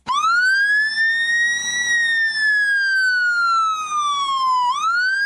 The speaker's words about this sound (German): Ich kann auf jeden Fall sagen, wenn ich das höre, würde ich sofort aus dem Weg gehen. Sehr das schrill, ist ein ne? Fieses Geräusch. Klingt wie so eine amerikanische Sirene von so einem Polizeiauto, kommt aber aus einem osteuropäischen Land